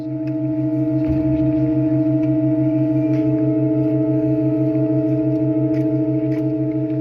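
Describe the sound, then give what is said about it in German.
Sustained organ tones hold steady while a low note pulses rhythmically; about a second in, a rough, breathy burst marks a new pipe, just set into a provisional wooden frame and given wind, starting to speak for 2-3 seconds before it settles into a clear, even tone. “Interessanterweise spricht die neue Pfeife nicht sofort an, sondern räuspert sich noch 2-3 Sekunden, bis sie präsent klingt.”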